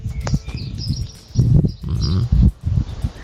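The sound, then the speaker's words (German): An outdoor morning scene with farm animals in Göhren on Rügen: low snorts and grunting bursts rise and fall over a steady background, while faint high bird chirps flicker above. No one speaks. “Die morgendliche Stimmung auf Göhren.”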